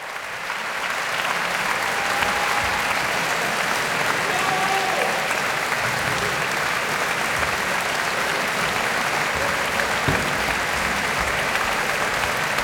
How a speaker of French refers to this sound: Et les applaudissements sont chaleureux, c'est le public de la maison de la radio et de la musique qu'on entend. Nous sommes en direct de l'auditorium, très bel auditorium de la maison de la radio et de la musique.